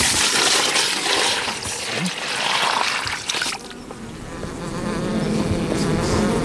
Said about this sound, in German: Das sind alle Wabengassen besetzt und es sind viele Bienen im Stock.